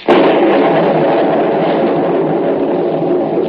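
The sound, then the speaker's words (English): A loud thunderclap during a storm, heard from inside a cave, bursts in with a sharp crack, then rolls on as a steady, heavy rumble that fills the rest of the moment without fading. No one speaks. “Lightning. Practically never strikes caves.”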